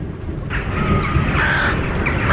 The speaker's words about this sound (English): Damn crows.